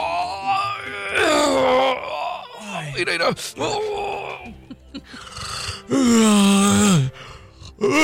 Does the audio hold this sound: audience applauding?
no